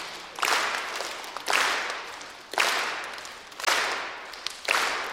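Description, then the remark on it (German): A group claps together in unison on beats one and three of a four-beat bar, five sharp, full-bodied claps landing about a second apart in a steady beat, each one ringing off briefly before the next. No one speaks. “Und dann würde ich sagen, mach nur die Aufgabe, ihr klatscht auf der Eins. Und auf und drei. Auf der Drei.”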